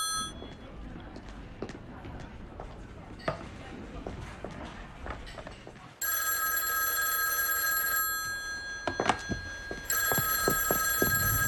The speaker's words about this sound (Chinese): 王妈，电话。